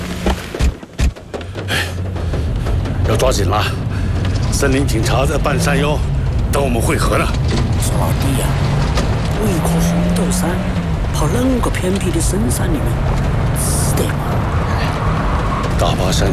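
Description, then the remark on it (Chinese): A few sharp knocks give way to a car engine catching and running steadily after the car was stuck in a mud pit on a mountain road, its low drone rising in pitch as it revs and pulls away, with people talking over it throughout. “哎，发动了，发动了。好了，大家上来吧。”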